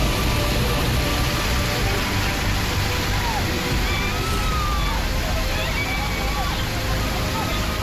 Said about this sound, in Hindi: हुआ यूं कि भारी बारिश के चलते पहाड़ी नाले में अचानक बाढ़ आने से लोग फंस गए। आप देख सकते हैं कि नाले में पानी का बहाव कितना तेज है।